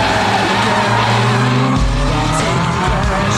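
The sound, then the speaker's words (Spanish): A car engine roars loudly as tires squeal, the revving pitch shifting midway as the vehicle speeds off hard, with no talking. “No, porque maneja muy recio.”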